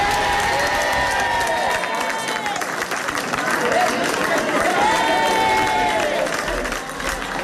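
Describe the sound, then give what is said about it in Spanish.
Residents of Aldea del Fresno break into loud, sustained applause and cheering at the announcement that the town begins de-escalation from 5 p.m., a dense wash of clapping with shouting voices mixed in, holding steady for the whole stretch. “Los vecinos de este último municipio han recibido con un clamoroso aplauso este anuncio.”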